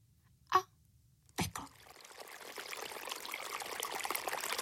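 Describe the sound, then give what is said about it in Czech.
A light clink and a thud, then water starts trickling out of a leaking pot, a steady stream that slowly grows louder and fuller. No one speaks. “Nejdřív jako docela maličký potůček, kterého si všimla jenom jedna malá kachnička a hned se v něm čvachtala a volala, koukejte, tady je nějaký malý potůček, to je legrace.”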